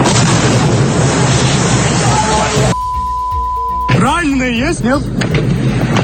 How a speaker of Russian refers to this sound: Очень много выстрелов и хлопков. Слышите, да?